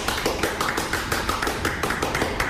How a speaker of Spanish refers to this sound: Estamos en nuestro templo sagrado delante de varias personas. Aplaudamos todos, por favor. Aplaudamos todos.